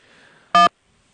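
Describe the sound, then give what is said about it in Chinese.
A single short, loud telephone keypad beep sounds partway through a customer service phone menu as the call is transferred to a human agent, sharp, with only a faint low background before it and near silence after. “正在为您转接人工，请稍后。”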